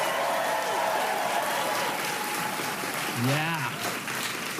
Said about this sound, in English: Keep that applause going for my interpreter